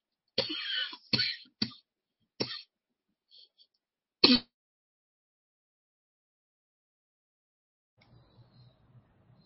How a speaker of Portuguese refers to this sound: tá com a tosse